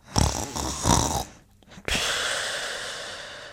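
Two loud, rasping snores in a row, each a broad noisy inhale, followed by a pause and then a long steady hissing breath that slowly fades. No talking.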